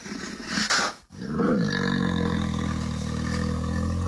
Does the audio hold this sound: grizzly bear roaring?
yes